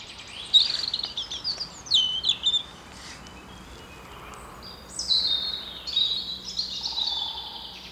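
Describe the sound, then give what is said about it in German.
Small birds sing in a forest, with high, thin chirps and trilling phrases in repeated bursts over a soft, steady background hush. No one speaks. “Und dann natürlich schon auch die Stille, trotz der kleinen Vögel.”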